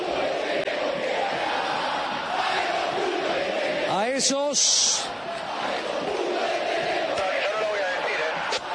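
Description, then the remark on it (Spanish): A dense, angry stadium crowd at the Monumental, during a River match that has gone to penalties, roars and shouts throughout, with a loud surge of harsh yelling near the middle, while a commentator talks over the noise. “Ahora grita, pero la gente está con bronca.”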